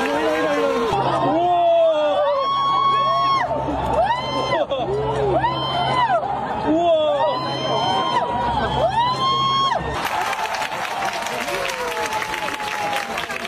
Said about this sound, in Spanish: El sonido del eclipse en Vizcaya. Aplausos, gritos en las calles, en los montes, en las campas y en las playas del territorio. Aplausos y emoción durante el momento en el que la luna cubría totalmente el sol.